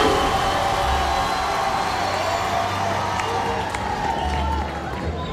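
Steady, dense applause with cheering mixed in, a loud, continuous wash of clapping that holds at an even level for the whole stretch and eases slightly at the very end.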